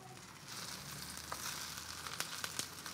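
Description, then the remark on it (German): Steady sizzling of Brattaler frying in a pan, a dense continuous hiss with scattered sharp crackles and pops, moderately loud, no talking, while they are checked for sticking to the pan. “Ich gucke gerade, ob die irgendwelche festgeklebt sind oder ob sie alle schön sich von der Pfanne lösen.”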